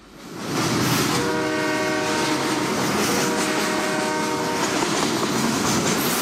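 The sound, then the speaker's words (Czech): A train rumbles past with steady rolling noise, and a sustained, harmonic horn blares twice across the passage, the whole sound loud and continuous with no voices. “Tak to zase řekneme všichni najednou. 3, 2, 1, vlak!”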